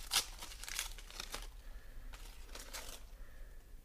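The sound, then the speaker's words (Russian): Paper crinkles and rips as a sealed envelope of military orders is torn open, a series of short, dry tearing bursts, fairly quiet, with no voices. “Вскрывайте пакет. Ответственность беру на себя.”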